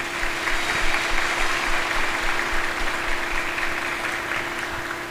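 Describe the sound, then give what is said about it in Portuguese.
Steady applause from an audience at a Divino Espírito Santo festival, a dense wash of many hands clapping at an even level for several seconds with no voices on top. “Eu queria dar uma salva de palmas para”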